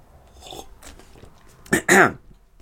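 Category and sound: food or drink, sipping coffee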